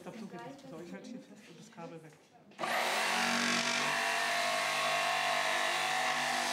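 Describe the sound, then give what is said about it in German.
Someone talks briefly, then an electric circular saw starts abruptly and runs loud, a steady high-pitched motor whine with a harsh buzz that continues to the end. “Sägen, bohren, miau. Und das Schöne an dieser Säge ist auch, die hat eine richtig schöne Schnitttiefe.”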